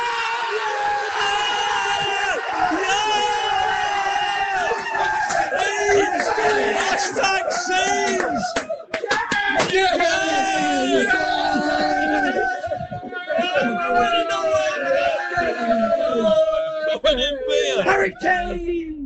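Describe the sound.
Personnel in Cyprus watching a football match cheer, yell and whoop excitedly. Overlapping shouted voices rise and fall in loud bursts for the whole stretch, barely pausing for breath.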